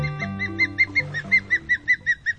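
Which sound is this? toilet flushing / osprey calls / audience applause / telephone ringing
osprey calls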